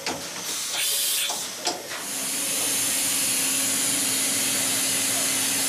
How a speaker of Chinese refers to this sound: 我们看见的是一个5轴数控机床的雕刻工艺展示，在厚度约0.2毫米的鸡蛋表面，雕刻机床正在进行1微米工艺的雕刻。